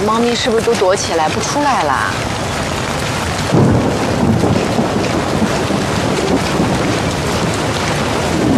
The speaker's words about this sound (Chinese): 今天下这么大雨，猫咪是不是都躲起来不出来了？